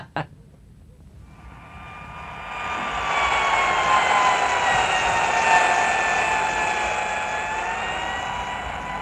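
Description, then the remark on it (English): A dentist's drill whirs as the dentist works on a patient's inlay, with a steady, high-pitched whine that builds in after a short click and then holds a constant, droning pitch until the end. “As the dull, insistent sound of the dentist's drill stopped from time to time, the patient looked around the office.”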